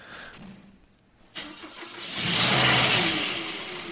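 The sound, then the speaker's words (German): A car engine cranks and catches after a quiet moment, then swells into a rough, rising rev that stays loud before easing slightly. “Hört sich an wie ein aller Diesel.”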